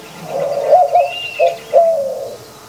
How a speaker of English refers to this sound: I started this journey mistaking mourning doves for owls. Mourning doves sound more like stereotypical owls than actual owls.